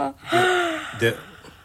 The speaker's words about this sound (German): Na? Bist du jetzt fertig mit Gähnen